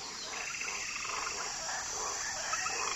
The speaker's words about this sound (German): Auch der Boden ist bewohnt. Frösche in knallbunten Farben leuchten zwischen den Wurzeln hervor. Sie sind leuchtend gelb, rot und blau und nicht größer als ein Radiergummi.